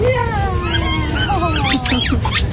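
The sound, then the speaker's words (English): A dog squeaks a squeaky toy, given as a reward for doing a good job, producing a rapid run of shrill, wavering squeaks that rise and fall over a low background rumble. “I kind of want a squeaky toy.”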